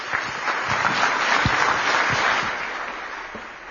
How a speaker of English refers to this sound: We give out awards to honor people, but truly I think it is we who are honored by your accepting this award, and I'd like you all to join me in one more round of applause for Suzy Wiles.